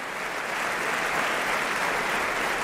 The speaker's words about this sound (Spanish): El público está aplaudiendo a los actores, al coro y a los solistas que nos han ofrecido este nuevo Lohengrin